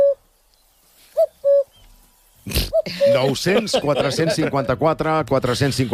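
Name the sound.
cuckoo calling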